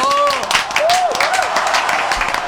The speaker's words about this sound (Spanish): Estamos con las cuatro señoritas, señoras, las flores negras, para quien pida un fuerte aplauso.